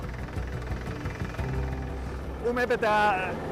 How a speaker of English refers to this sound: To keep the summit station on Pisner safe and stable, a crew is drilling for a thermosiphon, a system designed to slow the melting of the permafrost. It's the first of its kind in the Alps, and still untested.